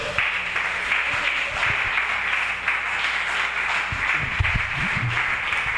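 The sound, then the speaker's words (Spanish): A church audience gives applause to the Master (Jesus) after a prayer, applauding steadily for several seconds, a dense, even wash of many hands clapping at once with no voices rising above it. “Dale ese aplauso al Maestro.”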